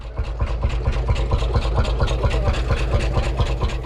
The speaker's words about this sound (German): das ist doch ein Trecker. Ich glaube, das ist ein Lanz Bulldog. Das ist ein Einzylinder, deswegen dieses tuckernde Geräusch. Der kann aber auch ein bisschen schneller.